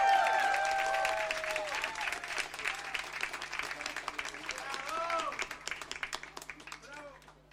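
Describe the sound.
Audience applause, loud and dense at first, then gradually thinning into scattered claps as it fades over several seconds, with some cheering voices mixed in.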